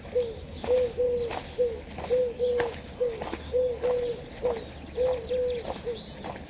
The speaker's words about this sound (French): Deux tourterelles sur un fil, sur fond de ciel argenté.